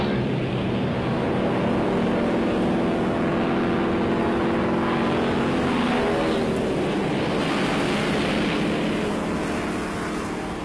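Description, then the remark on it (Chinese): A Soviet-supplied jet fighter, one of four aircraft of the fourth brigade taking off, with a speed of 1072 km/h, roars steadily overhead, a loud, continuous engine rumble with a whining tonal edge that holds for about ten seconds, thinning slightly at the end as it flies on. “报告总司令，苏联老大哥支援我们的喷气式飞机，时速1072公里，最高可攀升15500米，爬高性能优于美国 F-86 配刀式飞机。”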